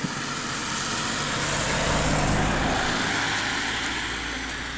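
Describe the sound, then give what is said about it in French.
A single car drives past on the road over the Col de Palière mountain pass, its broad engine and tyre rush swelling to a peak midway and then easing off as it moves away, with no one talking. “Ouais, même la voiture qui passe, puisqu'on est sur la route du col de Palière.”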